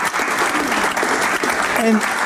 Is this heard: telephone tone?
no